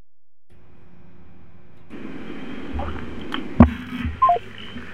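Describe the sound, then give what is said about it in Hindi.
Brief telephone dialing beeps over a steady line hiss and hum, with a sharp click partway through and a couple of short tones near the end; no one speaks. A listener's call to the show comes in and gets cut off. “हाँ भाई, किसी श्रोता का फ़ोन आया और फ़ोन आते आते आते आते आते फ़ोन कट गया।”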